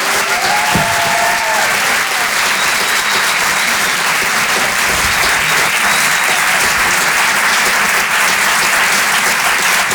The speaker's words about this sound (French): Je vous demande d'applaudir très chaleureusement, s'il vous plaît, sur Rire et Chanson, Anne Roumanoff.